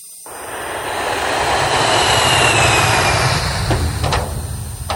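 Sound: airplane flying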